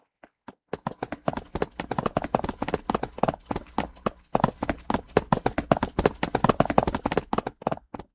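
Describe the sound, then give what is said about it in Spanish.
Rapid, heavy footfalls of several people running away, a dense, loud flurry of steps that patters on steadily for several seconds with no voices. “Nuestros invitados se fueron corriendo y detrás de ellos la invitada que apareció de repente hace un momento.”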